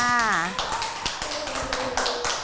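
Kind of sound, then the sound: crowd, clapping hands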